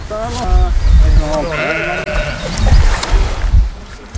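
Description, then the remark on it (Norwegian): Several sheep at a farm, out on the wrong side of a fence, bleat in wavering, overlapping calls across the few seconds, with a steady outdoor rumble underneath and a brief higher tone in the middle. “og der var det sauer, og de var kommet på gal side av gjerdet, tydeligvis.”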